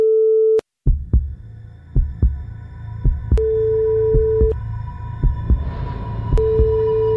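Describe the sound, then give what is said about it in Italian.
A telephone ringback tone sounds in steady beeps separated by pauses while calling a friend, with a low, regular thumping pulse, like a heartbeat, throbbing underneath. No one speaks. “Colleghiamoci con l'amico mio, per favore, dai.”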